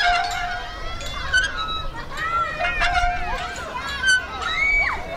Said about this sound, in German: Die Schaukel quietscht, auf der Rutsche rattert gerade jemand runter und hinten auf der Wiese wird Fußball gespielt.